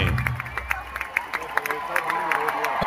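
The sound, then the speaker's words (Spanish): A large concert crowd in the Movistar arena roars and screams at the performer in a continuous wash of noise, with sharp claps and shouted bursts popping out irregularly throughout. “Y ahí empiezan los gritos a él.”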